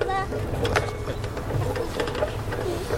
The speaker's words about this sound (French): Maintenant, le bruit du grincement du poteau de la balançoire.